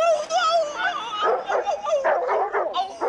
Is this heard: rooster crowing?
no